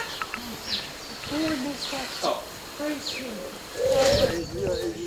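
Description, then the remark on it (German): Birds call outdoors on grounds with a bird house where birds come to feed: a few short, high chirps scattered across a few seconds, with lower cooing-like notes and faint, indistinct voices over a steady background hum. “Hier sind wir im Gelände und da sieht man ein Vogelhäuschen und da ein Vogelhaus, wo man Vögel auch drinnen beobachten können, wenn sie Futtersuche sind.”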